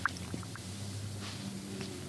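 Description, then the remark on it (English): A soft app processing indicator while the app analyzes an uploaded video: a few short, faint electronic blips, the first slightly brighter and higher, over a steady low hum with no talking. “You can hear the little indicator there that it's processing.”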